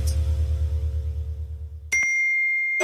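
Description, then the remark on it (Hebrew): A low droning rumble gives way to a single bright, clear WhatsApp message notification ding from Radius 100 FM that rings steadily for about a second, with another sharp chime starting right at the end. “קיבלתם מאיתנו הודעה?”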